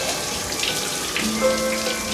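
Shower water runs in a steady, dense hiss throughout, fairly loud, as a man does squats while showering, with a faint tonal hum creeping in toward the end; no one speaks.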